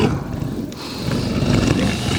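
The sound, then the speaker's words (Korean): A mutant Ratus monster lets out a loud, sustained roar, a deep rumbling growl that swells and holds steady for a couple of seconds with no voices present. “그들이 말을 할 때마다 변이 라투스가 더 크게 울부짖었다.”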